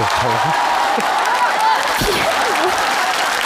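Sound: hand clapping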